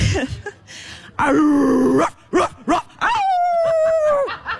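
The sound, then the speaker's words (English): A woman's voice imitates a dog, with short yips and a drawn-out growling bark, then a couple of quick barks that turn into a long, high, steady wolf-like howl when asked for a wolf. Loud. “To be clear, it's a dog, but when I said wolf, she transitioned into a wolf.”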